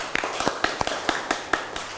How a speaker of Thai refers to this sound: ขอบคุณค่ะขอเสียงปรบมือให้ตัวแทนนักเรียนหน่อยค่ะ